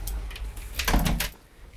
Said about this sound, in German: Die Tür zu.